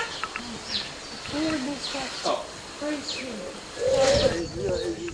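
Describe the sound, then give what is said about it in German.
Birds call outdoors on open grounds near a birdhouse where they look for food, with short high chirps scattered across a few seconds and lower cooing notes mixed in, set against steady background noise and some faint murmuring voices. “Hier sind wir im Gelände und da sieht man ein Vogelhäuschen und da ein Vogelhaus, wo man Vögel auch drin beobachten können, wenn sie Futtersuche sind.”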